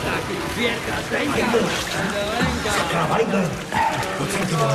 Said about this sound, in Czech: Nevidíš, že neslyším, když teče voda?